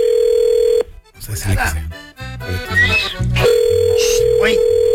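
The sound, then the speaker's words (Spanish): A phone rings back on an outgoing call: a steady electronic tone drones at the start, breaks off while people talk, then sounds again and continues under a voice. “Mira, tenemos el teléfono.”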